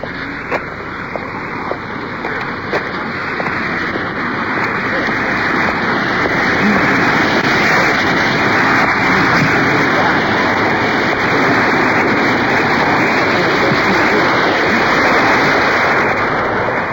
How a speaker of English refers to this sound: There's a waterfall. Probably can hear the water pouring over the top.